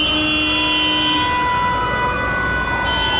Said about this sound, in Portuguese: O trânsito que era aqui.